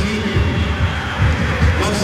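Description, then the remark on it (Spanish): A large stadium crowd at a football match between the U and Ñublense applauding Díaz, who takes the captain's armband during substitutions: a steady wash of dense clapping and cheering with a deep low rumble underneath, holding at a fairly even loudness with small swells throughout. “Lo aplaude el público.”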